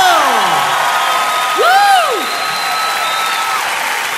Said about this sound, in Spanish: ¡Levanten un aplauso al Señor!